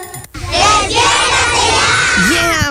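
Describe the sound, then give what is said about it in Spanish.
A loud, sustained group wake-up shout erupts after a brief pause, many voices yelling together at full force for about two seconds, with one rising voice cutting through near the end. “Oye, campeón, fuera la flojera, arriba el día, porque iniciamos la semana y con este grito seguro te vas a despertar.”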